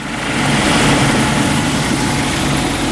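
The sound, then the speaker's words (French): A Caïman military helicopter from the French aircraft carrier Charles de Gaulle roars steadily and loudly, flying to land on the rear deck of a multi-mission frigate. Its dense engine and rotor noise fills the whole three seconds without a break, and no voices are present. “30 minutes de vol et l'hélicoptère Caïman du Charles de Gaulle se pose sur la plage arrière d'une FREM, une frégate multimission spécialisée dans la défense aérienne.”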